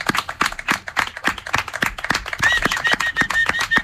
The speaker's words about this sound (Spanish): Ahora te vendría bien un aplauso de todos, porque creo que quedaría bien aquí.